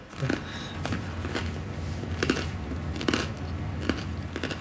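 Crisp crunching of someone biting and chewing crusty bread, with several sharp crackly bites spaced irregularly over a low steady background hum.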